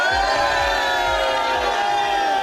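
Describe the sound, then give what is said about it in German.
A large crowd of people in Bayersbronn cheers and shouts loudly and continuously, making noise on cue to show how many are there, a dense wall of voices, with a steady thumping low beat pulsing underneath. “aber was man ganz gut machen kann im Radio, man kann zeigen, wie viele Leute da sind, indem all diese Leute hier in Bayersbronn mal ordentlich Lärm machen.”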